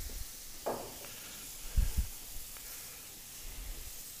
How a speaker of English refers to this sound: And then, just when it's getting hot to the point where you're worried that it's going to burn, then a splash of white wine. Good old San Giuseppe. There we go.